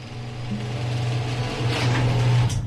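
A garage door motor drones with a steady low mechanical hum that grows slightly louder as it runs, then ends with a brief clunk as the door finishes closing.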